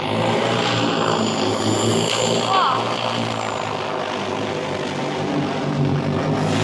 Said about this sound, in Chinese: 在九成合作社，田间插秧作业也实现了全新升级，无人机空中补给的场景正在这片水田上实时上演。